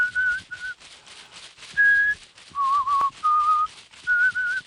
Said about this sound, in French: La fumée caresse. L'homme siffle.